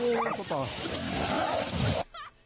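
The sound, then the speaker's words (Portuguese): A hunting dog growls harshly while attacking a feral hog, going for its eye, with high squeals rising over continuous loud snarling for two seconds before it drops off to fainter whining cries. “Olha o cachorro, olha. Olha, então, ó. Cachorro, foi pro olho.”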